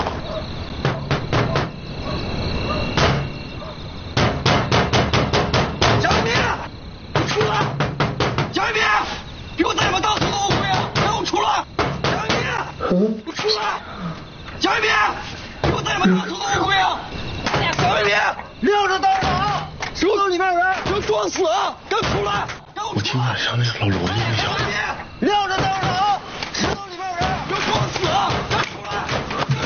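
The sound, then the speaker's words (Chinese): Two children jump around, sending a rapid, irregular series of heavy thumps and bangs through the floor, loud, while voices talk over the pounding. “行了行了，都别跳了。”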